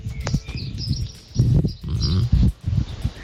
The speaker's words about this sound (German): Die morgendliche Stimmung auf Göhren.